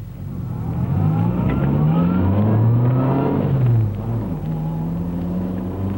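A car engine revs up and accelerates as the driver is urged to go faster, its pitch climbing through a couple of gear changes, loud, with a steady low rumble throughout and no voices.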